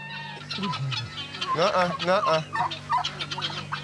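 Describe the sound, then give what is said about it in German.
Guineafowl being herded toward an enclosure call in bursts of harsh, rapid, rattling cackles that rise and fall over a few seconds, with a steady low hum underneath. “Ein Perlhuhn hat sich verirrt.”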